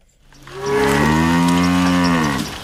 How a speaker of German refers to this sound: treiben ihre Kühe auf die Weide